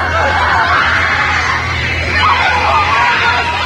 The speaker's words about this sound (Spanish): Las paredes empiezan a temblar. Los focos revientan. Todos gritan.